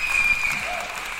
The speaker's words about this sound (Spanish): estoy tan dadivoso que aplausos para Cristina por la introducción que nos dio